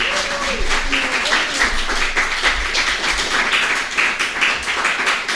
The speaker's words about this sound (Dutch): Oh, echt applaus. Echt applaus. Dat heb ik ook gemist.